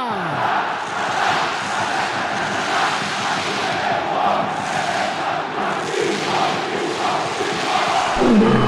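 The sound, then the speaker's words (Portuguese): A huge crowd of red-and-black fans roars and chants continuously in the stands of the Ilha do Retiro stadium before a match, a dense, steady wall of voices that swells slightly near the end. “Este é o leão da Ilha do Retiro que faz tremer a arquibancada do estádio.”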